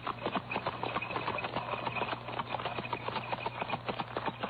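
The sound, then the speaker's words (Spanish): A horse-drawn cart carrying a wounded man, its horses urged on to drive away, rattles along with quick, steady hoof clops, the beats dense and rhythmic over a low rumbling hum, moderately loud throughout. “Subieron al herido alguayín y temblando, Eufemia azuzó a los caballos alejándose.”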